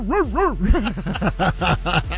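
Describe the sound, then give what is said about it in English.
A rapid string of excited, yappy dog barks and yelps in Henderson, fairly loud, with wavering rising-and-falling pitch, roughly eight in quick succession and no talking. “The dogs are barking out here in Henderson, getting ready for the season.”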